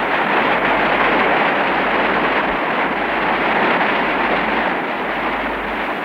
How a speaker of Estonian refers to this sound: Narva hüdroelektrijaama avamiseni oli tol päeval 1955. aastal jäänud vaid mõned tunnid. Viimaseid päevi kohiseb Narva kosk.